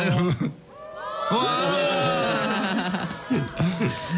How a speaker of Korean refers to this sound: 상암 MBC 가든 스튜디오에 지금 많은 또 팬분들이 와 계세요. 이 한번 마이크 열어가지고 팬분들 목소리도 우리 멤버들 들을 수 있게 한번 서로 인사 나누시죠.